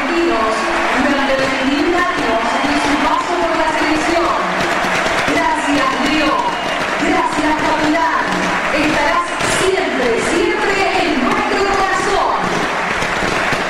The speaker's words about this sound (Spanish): 10 paró el partido para el aplauso de pie para Messi. De pie el estadio, ¿eh? De pie a los 10 minutos.